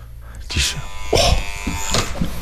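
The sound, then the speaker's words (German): A doorbell buzzer at a home's front door, rung once by an FFH radio reporter, gives a single harsh, steady electric buzz lasting a couple of seconds, with a few muffled thumps and voice-like sounds over it. “Jetzt nur einmal geklingelt.”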